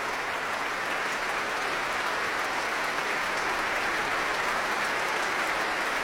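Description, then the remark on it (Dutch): Sustained applause from a large, packed concert audience, joined by musicians of the orchestra, for the guest conductor and the soloists, baritone Stéphane Degout and soprano Julie Rosé; a dense, steady wash of clapping that holds without pause, with no voices standing out. “Wordt nog steeds geapplaudisseerd. Niet alleen door het publiek, maar ook door muzici uit het orkest zelf.”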